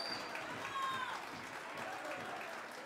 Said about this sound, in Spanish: fuerte voto de aplauso a …